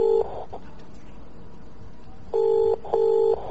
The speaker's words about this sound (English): we're going to shut Jimmy Carr up once and for all by ringing his home answer machine and leaving it as a message. Okay, let's just try that.